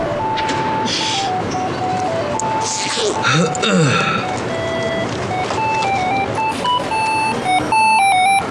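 An electronic alarm clock, set as a reminder to take medicine, rings with a steady series of bright, repeating beeping tones that shift slightly in pitch, over a busy background of noise and movement.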